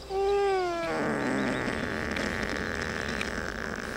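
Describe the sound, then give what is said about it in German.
A sedated ibex, not yet fully under and being held for hoof trimming, gives a short, loud, wavering bleat, then a long rough snoring rasp that carries on steadily to the end. “Ich denke mal, das ist so eine Art Schnarchen, vielleicht auch noch ein bisschen was meckern, weil er noch nicht ganz weg ist.”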